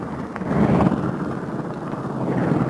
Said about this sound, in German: Schnell wird noch einmal ausprobiert, ob alles richtig funktioniert. Der Werkmonteur, ein flinker Mann, wirft jetzt schon den Propeller an.